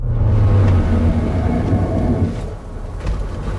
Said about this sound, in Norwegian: For hør på det her. Jeg tror ikke bremser skal høres sånn her ut.